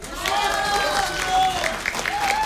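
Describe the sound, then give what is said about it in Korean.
A crowd bursts into loud, sustained applause lasting a couple of seconds, dense clapping mixed with voices calling out and cheering over it. “다시 취임새 큰 박수와 함께 불러보는데”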